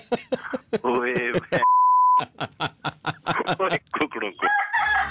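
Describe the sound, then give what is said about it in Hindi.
A rooster crow rings out in a radio jingle for the Mirchi Murga prank segment on Radio Mirchi, 89.6 FM in Qatar, followed by a steady electronic beep and a quick run of rhythmic, punchy vocal bursts ending in a bright, noisy flourish. “मिर्ची मुर्गा नवीद के साथ, ओनली ऑन मिर्ची।”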